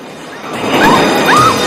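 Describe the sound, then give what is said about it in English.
A loud, sudden explosion as a fuel canister in the back of a truck blows up, erupting after a moment of quieter noise, followed by a sustained roaring blast with a few brief high-pitched squeals mixed in, forceful. “A fuel canister in the back of the truck explodes.”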